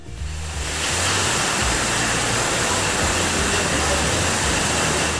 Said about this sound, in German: Ja, man hört es, hier rasen gerade die Wasserflaschen übers Band. Bei dem Getränkehersteller in der Südpfalz ist gerade absoluter Hochbetrieb.